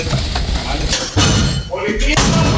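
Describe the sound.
Spanish National Police officers pound an apartment door in Jerez with a battering ram during a pre-dawn anti-cocaine operation, several loud blows spaced about half a second apart, each a heavy crashing thud, with people's voices and commotion underneath.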